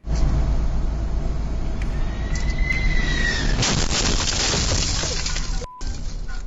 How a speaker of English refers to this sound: The wheel of a United Airlines flight arriving at Newark International Airport hit a truck while landing. This happened yesterday. Thankfully, the man driving the truck only suffered minor injuries. The jet was flying in from Venice and landed safely